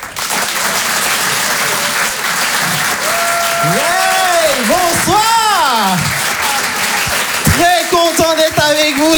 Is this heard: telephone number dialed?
no